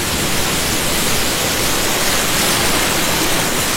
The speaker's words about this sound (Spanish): a la orilla de la playa con este sonido de las olas.